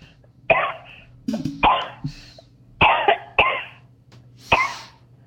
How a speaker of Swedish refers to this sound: Oj då. Nej, en jävla hosta.